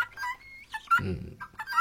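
A goose honks several times in quick succession, harsh nasal calls, fairly loud, with a deeper, rougher honk in the middle and no talking.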